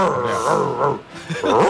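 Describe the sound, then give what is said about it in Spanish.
A radio listener's voice growls and snarls in imitation of an angry dog, loud, in two rough bursts separated by a brief pause. “Perro cabreado.”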